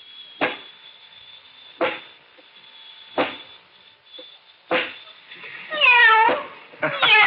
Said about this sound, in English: Okay, robot 23, go over to the kitten, pick it up, and pet the kitty. Nice kitty.